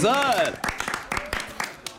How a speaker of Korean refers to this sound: 박수.